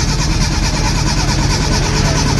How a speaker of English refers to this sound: It sounds like the car's not starting